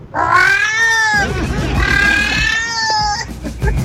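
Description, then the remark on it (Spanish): A human voice imitates a female cat in heat with two long, loud, drawn-out yowls, the first short and wavering, the second longer and sustained, both nasal. “Mira, así sería una gata en celo.”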